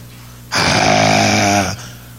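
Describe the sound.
A person imitates a father snoring in sleep: one long, loud, raspy snore with their voice, a rough rattling breath lasting about a second over a faint background hum, then stopping abruptly.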